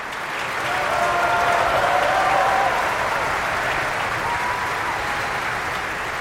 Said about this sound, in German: Und hier wird applaudiert für die ungarische Mezzosopranistin Anna Kisjudit. Sie war die Fricka.